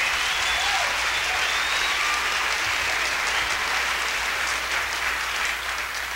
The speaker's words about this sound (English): Let's give him a big round of applause on organ.